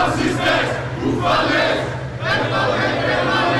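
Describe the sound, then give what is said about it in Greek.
Dozens of protesters chanting slogans against fascist violence at an antifascist march in the streets of Elefsina, a loud crowd of voices shouting in rhythmic surges that swell, dip briefly, then rise again, with a steady low hum underneath. “Λίγες ώρες μετά την επίθεση στον 32χρονο που πλέον νοσηλεύεται στο Τζάνιο νοσοκομείο, στους δρόμους της Ελευσίνας έγινε αντιφασιστική πορεία με δεκάδες διαδηλωτές που φώναζαν συνθήματα κατά της φασιστικής βίας.”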